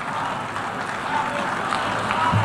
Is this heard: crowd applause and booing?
yes